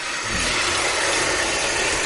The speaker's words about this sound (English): All right, now pouring in some bubble bath. Now let me just turn the faucet back on here.